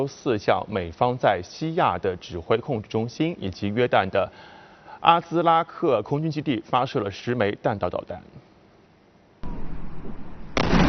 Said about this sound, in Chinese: 伊朗东南部西斯坦毕鲁之斯坦省恰巴哈尔港8号晚间传出巨大爆炸声。 据当地媒体报道，港口遭到美军袭击，一座海狮交通控制塔被击中。